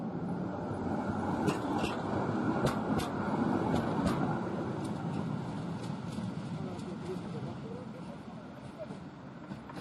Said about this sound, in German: Bis gegen 1 Uhr in der Nacht pendelten die historischen Bahnen zur Warschauer Museumsnacht.